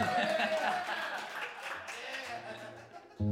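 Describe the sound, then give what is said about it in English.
A crowd claps and cheers in a dense, steady wash of applause with scattered laughter and voices mixed in, fading slightly before a brief louder burst at the end. “Put up your hand if you feel like you need some applause right now.”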